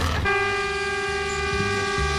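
A sugar cane train on the cane line toots its horn in one long, steady blast, its bright harmonic tone holding for about two seconds over a low rumbling engine, fairly loud.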